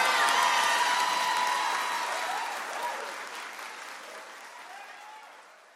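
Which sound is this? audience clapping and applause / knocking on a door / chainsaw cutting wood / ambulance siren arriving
audience clapping and applause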